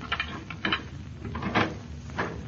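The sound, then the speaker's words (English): A key rattles and turns in the lock of a home's front door, a few short clicks and scrapes, then the door is pushed open with a brief clunk. Moderate level, no talking. “No, we'll just use our key.”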